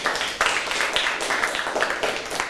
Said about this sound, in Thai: ขอปรบมือให้เพื่อนๆหน่อยครับ